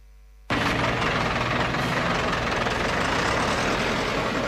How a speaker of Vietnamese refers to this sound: Tiếng máy xúc, máy ủi gầm vang giữa núi rừng